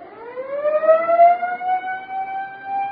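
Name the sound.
siren being tested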